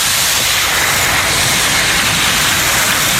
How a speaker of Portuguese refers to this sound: O mar, na praia de Normandía, na praia de Omaha.